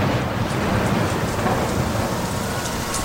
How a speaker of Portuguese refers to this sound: O tempo irou-se sem aviso. Adensadas, as nuvens de gás leve tornaram-se tenebrosa tempestade, e o lago esqueceu a calmaria, encrespando-se açoitado pelo vento.